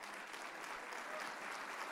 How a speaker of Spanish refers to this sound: Sí, ese aplauso es para Jesús.